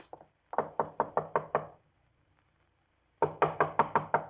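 Knuckles rap on a door in two quick bursts of about six sharp knocks each, separated by a pause of near silence, the second round as loud and insistent as the first.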